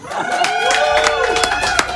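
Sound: audience applause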